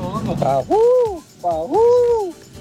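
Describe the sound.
A man imitates an owl with two long, drawn-out hoots that rise and fall in pitch, preceded by a few shorter vocal sounds, fairly loud.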